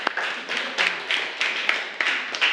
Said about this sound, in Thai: โอเคปรบมือให้กับเพื่อนของเราค่ะ